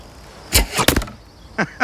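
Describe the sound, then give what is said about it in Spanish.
An arrow whooshes off a bow and strikes its target with a sharp thwack, followed by a couple of softer, quicker knocks as the shaft settles. “Tienes ojo de halcón. Trae tu flecha.”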